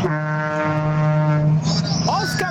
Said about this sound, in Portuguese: Os caminhoneiros buzinando aí, ó.